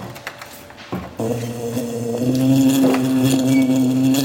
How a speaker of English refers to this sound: A buzzing bee. A buzzing bee.